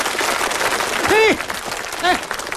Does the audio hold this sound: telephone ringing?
no